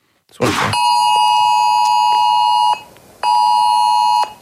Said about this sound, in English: So what it's all about is it's going to send warnings directly to our mobile phones during life-threatening events such as bushfires, floods, cyclones, or other major emergencies. It'll send that alert to your phone accompanied by a 10-second siren.